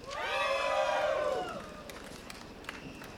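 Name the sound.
festival crowd cheering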